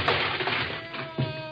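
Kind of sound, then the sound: impact, door being kicked open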